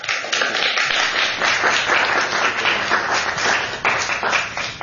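An audience applauds the author and moderator at the end of a book event at Politics and Prose Bookstore in Washington, D.C., a dense, even wash of many hands clapping for about five seconds at a sustained, fairly loud level, with no voices over it.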